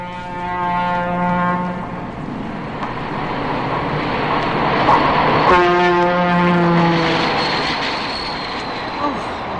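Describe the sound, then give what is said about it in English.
A passing Pennsylvania Railroad train beside a small apartment in Philadelphia sounds two long, loud horn blasts a few seconds apart over a steady rumble of wheels and engine that continues throughout. “No more worrying about the kids playing outside with all those trains going by.”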